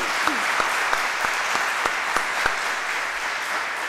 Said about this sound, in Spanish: Les pedimos un fuerte aplauso para todos ellos, nuestros cantores a lo divino de la comuna de Litoche.